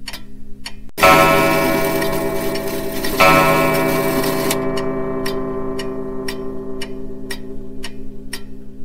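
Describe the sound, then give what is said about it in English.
A clock ticks steadily, then strikes twice at 1:30 with resonant chimes that ring out and slowly decay, the regular ticking continuing clearly underneath and after. No one speaks. “The clock struck 1:30.”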